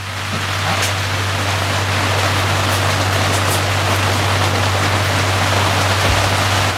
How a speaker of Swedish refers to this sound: Och då regnade lite grann här inne, som du kan höra.